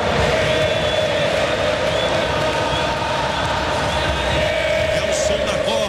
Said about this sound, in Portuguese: Ouça a torcida da Argentina. Ouça a torcida da Argentina, que faz uma grande festa nos Estados Unidos.